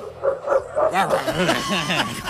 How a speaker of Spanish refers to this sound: Están en Villalur, hay un perro ladrando. En Gualeguaychú.